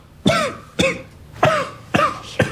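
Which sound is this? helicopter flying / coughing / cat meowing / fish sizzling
coughing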